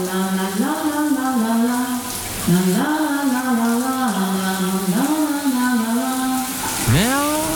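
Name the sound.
shower tap running water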